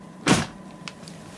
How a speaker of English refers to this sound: Come in and close the door.